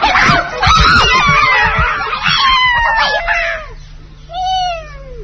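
A kitten rushes into an old storeroom where mice are stealing grain, and the mice run about in fright: shrill, overlapping squeals and cries over scrambling thumps, then a single clear meow near the end, fairly loud, with no talking.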